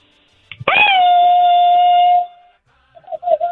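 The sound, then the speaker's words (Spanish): A loud, high mariachi grito: a sharp onset that leaps up, then a long sustained wailing note held for over a second before cutting off, followed by brief fragments of voice. “comadrita, échese un grito mariachero.”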